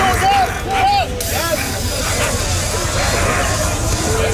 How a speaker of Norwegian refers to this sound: Her hører vi politiet I Paris spraye tåregass mot demonstranter. Politiet de presser på med skjold mot folk I gatene